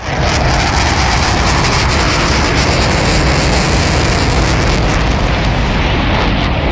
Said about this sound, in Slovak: To bola letiaca včela. Áno, takto počujú bežné zvuky deti s autizmom, ktoré sú hypersenzitívne.